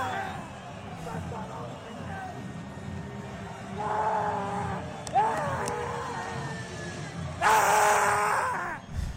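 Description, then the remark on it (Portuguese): A man lets out loud, hoarse, exuberant screams of "Vamos!" in a few drawn-out, strained bursts over a noisy background of crowd murmur. He is celebrating Mirassol's qualification in the Copa do Brasil. “Esse grito maluco.”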